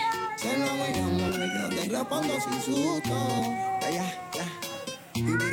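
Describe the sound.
Several cats meow in a cafeteria, their drawn-out, wavering cries overlapping one another almost continuously, with voices talking underneath.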